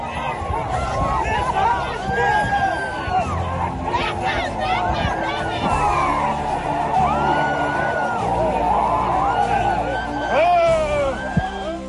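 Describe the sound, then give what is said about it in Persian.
A large crowd beside a martyr's grave in Kouhdasht shouts and chants slogans together in a loud, continuous roar, voices overlapping with raised, wavering cries rising above the mass of sound throughout. “در کنار مزار پر افتخار شهید، فریاد دایا دایا وقت جنگ در آسمان کوهدشت تنین انداز شد.”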